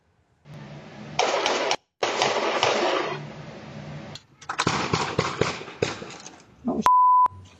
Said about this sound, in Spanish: Volvió a ocurrir, de nuevo, en menos de una semana, otro inmigrante latino muere baleado durante un operativo de ICE. Cámaras de seguridad captaron el momento de los disparos.